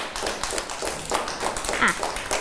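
A group of children in class clap their hands for a classmate at their teacher's prompting, a quick, uneven patter of overlapping claps that continues steadily for a couple of seconds, at a moderate level with a faint voice briefly audible.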